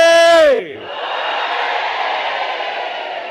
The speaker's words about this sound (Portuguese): Agora, por favor, mulheres, apoiem lá os homens para ver se conseguem fazer chegar o grito lá em Govuro ou em Inhassoro. Vamos gritar todos, mas, por favor, mulheres, apoiem também os homens. Moçambique, oi!